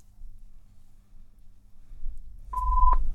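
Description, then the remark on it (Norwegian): A low rumble gives way to a single short, steady telephone ringing tone during a bingo draw, a clear mid-pitched beep lasting under half a second, with a faint click at its start and end. “Ja, det ringer alt.”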